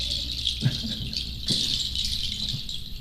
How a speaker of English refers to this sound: And this is? The voice of birds.